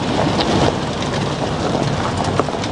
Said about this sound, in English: I'm in a truck heading up a farm track on a finger of land jutting off the eastern coast of Te Tai Tokoro, Northland. It's grey, drizzly and windy, but not as bad as some of the weather they've had here lately.